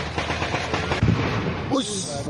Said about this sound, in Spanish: De acuerdo con los primeros reportes, los explosivos fueron lanzados desde drones y los disparos realizados desde sectores ubicados alrededor del puesto de control.